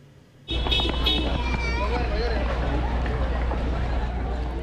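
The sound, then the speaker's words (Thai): A sudden burst of crowd commotion: many voices shouting and calling over one another amid loud, continuous outdoor noise, with hurried movement and a horn-like tone in the mix, as a crowd runs from a food festival in downtown Seattle, Washington, USA, after a shooting there in the evening. “ภาพจากผู้เห็นเหตุการณ์เผยเห็นฝูงชนกำลังวิ่งออกจากสถานที่จัดงานเทศกาลอาหารในย่านใจกลางเมืองซีแอสเทิลรัฐวอชิงตันของสหรัฐหลังเกิดเหตุยิงกันในบริเวณดังกล่าวเมื่อช่วงเย็นวันนี้ตามเวลาท้องถิ่น”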